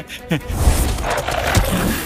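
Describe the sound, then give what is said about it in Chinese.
A giant dog beast, the guardian of a pagoda's top floor, gives a deep, rumbling roar, loud, swelling after a brief growl and holding steady with a gritty, noisy texture for about two seconds. “这条大狗是宝塔顶层的守护兽，它的第三只眼睛也会产生幻象迷惑人。”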